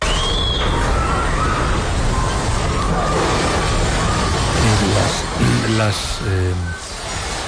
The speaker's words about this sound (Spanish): Voy a recuperar un testimonio con el que abríamos el programa, que es tremendo, es el sonido de un terremoto.